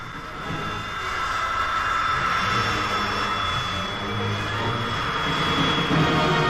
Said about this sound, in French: Cependant, à partir des porte-avions américains qui croisent en mer de Chine, ici le Ranger, les chasseurs-bombardiers continuent de s'envoler pour le Vietnam du Nord vers des objectifs toujours un peu plus proches de Hanoï.